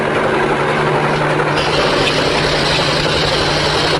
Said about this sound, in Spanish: Empiecen a taladrar.